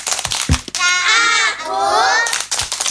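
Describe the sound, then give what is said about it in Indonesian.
Children clap their hands in a quick rhythmic burst, then high young voices chant together loudly in Indonesian, performing the "Tepuk Anak Soleh" clapping chant, before the sharp, steady clapping resumes. “Ayo kita tepuk anak soleh.”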